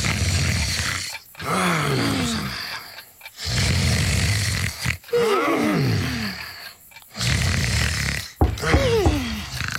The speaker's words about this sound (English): This was an especially wonderful sleep. You could tell because Gruffy, Muffy, and Gruffy Jr. were all snoring in unison.